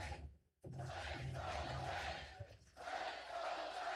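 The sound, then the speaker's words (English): A large baseball stadium crowd in New York roars and cheers loudly in the ninth inning with two out, a dense sustained wall of voices that briefly drops out near the start, then swells again with rising excitement. “Crowd beginning to make some noise here in New York.”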